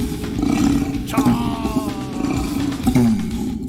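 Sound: orangutan call recording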